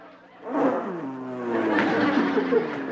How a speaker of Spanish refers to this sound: ¡Es la motocicleta!